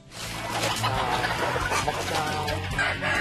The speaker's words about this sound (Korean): 이번엔 닭들의 식사 시간.